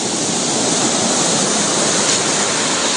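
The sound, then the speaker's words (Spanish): A loud, steady roar of strong ocean surf on the Costa Grande of Guerrero during Hurricane Polo, a constant wash of churning water with no distinct individual crashes standing out and no voices present. “se observa la afectación a restaurantes de playa que el fuerte oleaje destruyó.”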